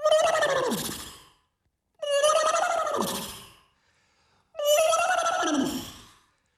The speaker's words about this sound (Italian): Bellissimo questo nitrito, la sveglia col nitrito. Beh, certo che con una sveglia così inizi bello carico, eh?